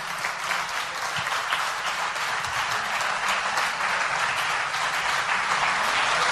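A crowd applauds steadily for about six seconds, many hands clapping in a dense, even wash of sound with no voices over it.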